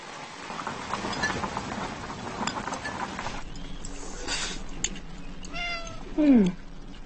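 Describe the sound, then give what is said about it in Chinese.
A cat meows a few times, the last call loud and drawn out with a falling pitch, over a low background of room noise and faint rustling. “嗯，这猫是谁养的？”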